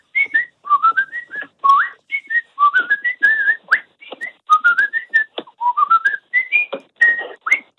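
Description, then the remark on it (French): A man whistles a lively, high soprano-pitched tune in quick, rising runs of short notes, loud, with brief pauses between phrases and no talking. “Je joue au taquet, je siffle, ça donne quoi? Vous êtes prêts?”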